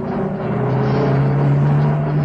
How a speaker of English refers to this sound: The peace of the rural scene is shattered by the sound of a small pickup bouncing along the rough dirt road.